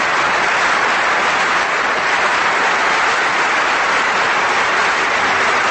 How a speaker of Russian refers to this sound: И аплодисменты в зале обычно звучат уже перед началом исполнения.